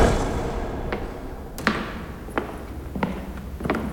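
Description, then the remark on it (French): A heavy wooden castle door with huge locks closing inside a dark castle, heard as several sharp, hollow knocks and clunks over a low, dim background rumble, with no voices present. “Il y a de grandes portes en bois qui grincent avec d'énormes serrures.”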